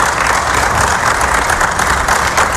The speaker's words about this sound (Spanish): Fernando Scaloni, aplausos de los presentes en la sala de prensa del estadio.